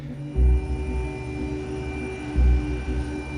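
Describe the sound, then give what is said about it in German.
A helicopter drones steadily, a low engine hum with a throbbing low end that swells into heavier rotor thumps twice. No one speaks. “Und dann haben wir in dem Moment im Hubschrauber entschieden, dass wir uns ja so 30 Meter versetzt auf ein Felsband absetzen lassen”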